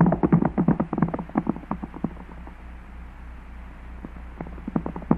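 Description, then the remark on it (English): Rapid, rhythmic hoofbeats of galloping horses as riders chase a man on horseback, loud and dense at first, then thinning out and fading before a few beats return near the end. “His horse must be fresh, and ours are tired. We can't seem to gain on him.”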